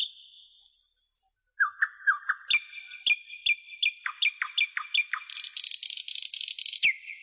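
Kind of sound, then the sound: bird, nightingale singing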